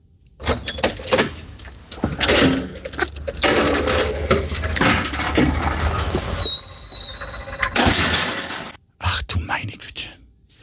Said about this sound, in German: Und das war das Geräusch der Tiefgaragentüre, ja, ja, beim Aufsperren, ja, und wie sie wieder zufällt.